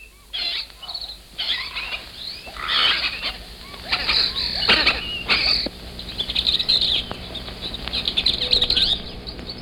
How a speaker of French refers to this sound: Vous entendez, ce ne sont pas les sifflements d'un policier, ce sont simplement les cris des perruches apprivoisées que l'on trouve souvent dans les rues de Cusco et qui sont une de ses marques originales.